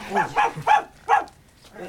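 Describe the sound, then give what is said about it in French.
Milou, a dog frightened by Raskar Kapak, barks in a quick, agitated burst of four sharp, high-pitched yelps, followed by a softer, fading whimper. “C'est notre ami Raskar Kapak qui a effrayé votre chien.”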